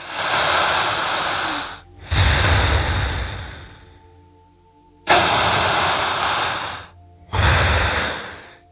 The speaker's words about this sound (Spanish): Solo siga respirando exactamente igual que yo. Escuche el sonido que emite su respiración.